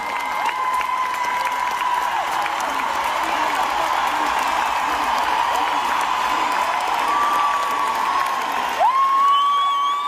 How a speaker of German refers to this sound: Das Publikum rastet natürlich auch aus.